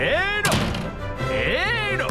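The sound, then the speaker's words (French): A door at Versailles slams once with a sharp, loud bang that rings out for a moment, framed by wavering voice-like tones before and after. “Moi aussi je peux en claquer des portes.”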